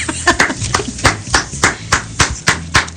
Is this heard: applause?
yes